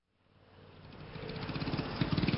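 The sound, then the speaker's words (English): A scooter engine revs up steadily in city traffic in Paris in the morning as the rider rides to work, its buzzing, pulsing drone growing louder over a couple of seconds, with no voices. “Je suis le matin en scooter dans Paris.”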